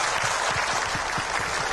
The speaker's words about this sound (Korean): 할렐루야. 거룩하신 주님께 큰 감사의 박수를 드립니다.